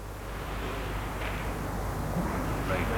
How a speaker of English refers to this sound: Some rain that can be heard on the roof. Could you ask the orchestra to be quiet? The rain? Yes, we want to listen if we can hear the rain.